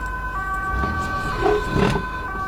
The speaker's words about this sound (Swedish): En ambulans. Va? Den kör iväg. Det måste ha varit här i huset.